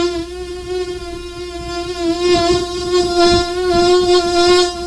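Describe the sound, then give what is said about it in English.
A mosquito's thin, high-pitched whine hums steadily for several seconds, rich in buzzing overtones, wavering slightly in pitch and swelling a little louder midway, with no voices. “And it always seems if there is a mosquito in your room that it doesn't go near your ankles or legs, you're covered up, right?”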